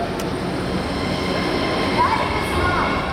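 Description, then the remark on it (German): A U3 line subway train rumbles steadily as it leaves Volkstheater U-Bahn station in Vienna shortly before 1 a.m. There is a dense low-end roar, faint metallic squeals and a broad echoing wash of noise, continuous throughout. “Die letzten regulären Bahnen der Linie U3 verlassen die Station.”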